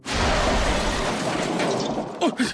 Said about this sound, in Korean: 뭐야? 그 방금 열차 세게 흔들린 거 맞지? 불도 꺼졌어. 정전인가? 사고 난 건가? 현재 열차 추돌 사고 발생의 확인 작업 중에 있습니다.